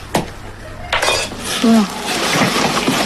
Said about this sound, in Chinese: 原本松散的盐已经凝结成了块状，只能用工具一点一点地敲打。